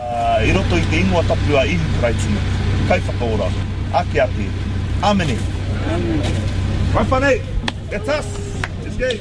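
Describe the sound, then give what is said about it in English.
Steady low rumble of idling car engines from a queue of cars snaking around the car park at Mangere Centre Park, where people wait to collect fish parts, with people talking over it throughout and occasional thumps and clatter. “getting a team of volunteers ready to serve the queue of cars snaking around the car park at Mangere Centre Park.”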